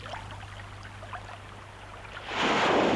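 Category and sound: nature, waves breaking against rocks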